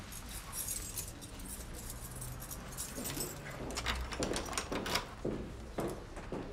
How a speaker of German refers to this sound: Der Zylinder sieht unversehrt aus. Können Sie bitte mal probieren, ob Ihr Schlüssel noch funktioniert?